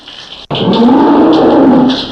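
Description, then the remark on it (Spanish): A real bull at a bullfight lets out one long, loud, low moo lasting well over a second, its deep droning tone holding steady after a brief quieter sound and a sharp pause. “Hombre, no la creas que me encerraron, hombre, y le mandaron otro toro de verdad, hombre.”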